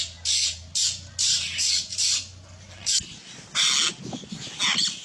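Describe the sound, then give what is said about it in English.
Harsh, grating calls of an apostle bird rasp out in a quick series of short bursts, loud, with a few louder squawks toward the end over faint background noise. “It is the apostle bird.”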